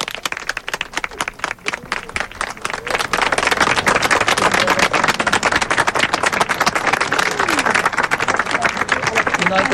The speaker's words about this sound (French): Les applaudissements n'en finissent pas.